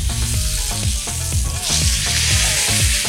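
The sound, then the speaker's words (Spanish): Meat sizzles steadily in a hot pan, a loud dense hiss of crackling fat with faint scraping and clinks of utensils stirring underneath. No one speaks. “Oye, cómo suena esa carnita todavía.”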